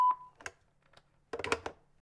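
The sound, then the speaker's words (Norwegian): A single steady electronic beep, the answering machine tone of the radio show Sorgenfri on Radio Nova, rings out briefly at the start, followed by scattered clicks and rustling bursts of handling noise. “Legg gjerne igjen en beskjed etter piptonen hvor du hører oss hver søndag mellom klokken 5-7 på Radio Nova.”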